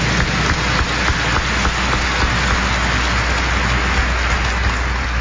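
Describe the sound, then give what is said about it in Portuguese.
A warm, fraternal round of welcoming applause from many hands for the deacon, the priests and the pilgrimage of the Brothers of the Sacred Heart from Brazil, Latin America and Spain, the clapping blending into a continuous crackling wash that holds at an even loudness for several seconds with no voices over it. “Aquela salva de palmas calorosa, fraterna, de boas-vindas.”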